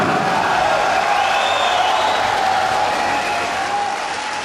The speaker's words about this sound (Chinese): 我们期待着徐元庆再归来，我们掌声祝福小霸王徐元庆。